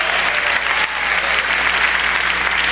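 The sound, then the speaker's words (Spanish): An audience at a church service claps loudly and steadily, a dense wash of many hands filling the space without pause for several seconds, full, the applause offered to God. “Dele fuerte el aplauso que es para Dios.”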